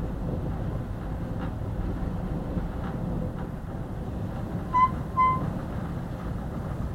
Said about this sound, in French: Ça, c'est la porte qui vient de s'ouvrir à cause du vent. Parce que la porte ne ferme pas.